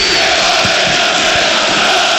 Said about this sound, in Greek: Οι φίλοι του ΠΑΟΚ, οι πιο φανατικοί, όλο και πιο δυνατά φωνάζουν.